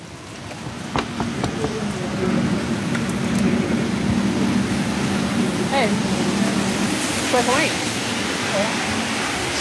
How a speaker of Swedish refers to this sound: Det regnar lite, men